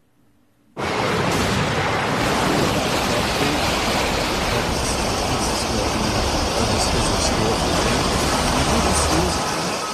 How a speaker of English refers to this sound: So that's not freshwater flooding. That's ocean coming in right there for Newport Beach, California. That's one of the big swells rolling in ahead of Rachel.